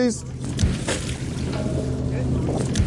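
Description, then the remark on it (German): A seaweed harvest boat's engine drones steadily on open water, a low continuous hum with wind and splashing around it, while voices of the harvest team talk over the top. “Fast jeden Tag ist das internationale Team von Seaweed Solutions 12 Stunden hier draußen auf dem Wasser.”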